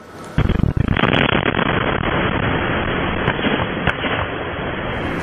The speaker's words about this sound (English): A backyard security camera capturing the moment the series of explosions rocked an industrial facility in Toledo today. Authorities say the blast killed two workers and ruptured chemical tanks, toppling them over.